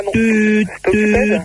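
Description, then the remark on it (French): A voice imitates a telephone busy tone with two flat, steady "tuut" sounds, each about half a second long, separated by a short gap and held at one unchanging pitch. “tut, ça sonnait occupé”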